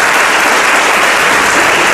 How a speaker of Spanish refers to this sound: Por favor, un aplauso para ella.